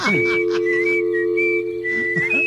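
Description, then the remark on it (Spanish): Someone whistles a simple tune, holding long steady notes that step up and down in pitch, with a constant low hum running underneath. “Mientras que le llama, me voy a poner a chiflar, ¿eh?”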